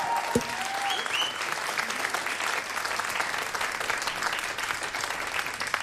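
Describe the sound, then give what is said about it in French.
Dense, steady applause from a large concert audience at the Petit Faucheux after the band members are introduced, with a couple of brief whistles cutting through early on and no break in the clapping. “S'il vous plaît, un tonnerre d'applaudissement”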